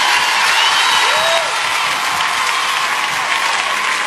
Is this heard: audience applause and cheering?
yes